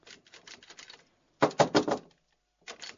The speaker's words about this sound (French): c'est Rabbi Slow qui tape à votre porte